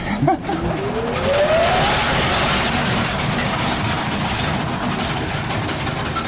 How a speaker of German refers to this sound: Und wir haben hier eine sogenannte Schremmmaschine, die hat sozusagen einen Schlitz in das Kohleflöz geschnitten, damit die Kohle besser rauszubrechen war, also besser abzubauen war. Muss ich mir jetzt die Ohren zuhalten? Besser wäre.